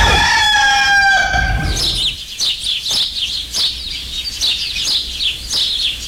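A rooster crows loudly in one long harmonic call, followed by a rapid series of chirping bird calls repeating in quick bursts.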